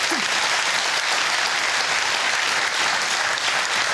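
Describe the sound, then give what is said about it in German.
Steady, dense applause from a crowd for the winner of a lottery prize draw, many hands clapping at once in a continuous, even roar with no pauses, holding at the same loud level throughout. “Jetzt geht's mit einem Applaus für unseren Gewinner rüber zum Jackpot”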